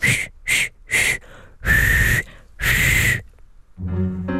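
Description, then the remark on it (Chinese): Someone whistles a short tune: three quick, clipped notes followed by two longer held ones, breathy and fairly loud, then a low humming tone rises briefly at the end. It is the frog servant whistling in a story about Alice. “说着，那青蛙服务员就吹起口哨来。”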